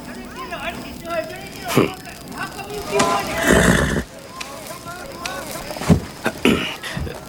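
An Andalusian horse whinnies several times in loud, quavering bursts in its stable as it is saddled, with a few sharp knocks and hoof-like thuds between the calls.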